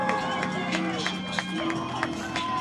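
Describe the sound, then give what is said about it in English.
A dense, steady roar of the Lewisville football crowd on their feet cheering and shouting at fourth and goal against the Green Bulldogs, punctuated by sharp, regularly spaced thumps of the student section bouncing up and down on the bleachers, with a few sustained tones running underneath. “Now the Lewisville crowd up on their feet.”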